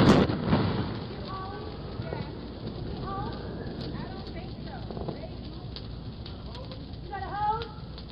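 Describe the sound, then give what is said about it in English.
A bush on fire at a home crackles steadily, with irregular snapping pops over a rushing, noisy background with other fireworks going off, while faint voices murmur now and then underneath. “That's the crackling of the fire.”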